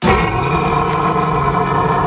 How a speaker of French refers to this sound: Ce drôle de bruit, bah vous le connaissez peut-être, c'est le brame du cerf.